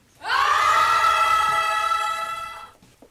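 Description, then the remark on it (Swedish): A group of young people screams together in a Church of Sweden church in Härnösand, as part of a campaign encouraging youth to scream in church, holding one loud, steady, fairly high tone for over two seconds, almost like a sung choir note, before it tapers off. “De uppmuntrar unga att skrika i kyrkan så att det hörs till himlen.”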